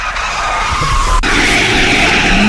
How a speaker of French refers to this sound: Oh, nouveau dérapage. Waouh. Wow.